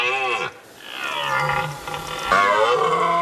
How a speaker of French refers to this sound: Ah, pas mal, les enfants, le vrai brame du cerf. Écoutez, ça fait ça.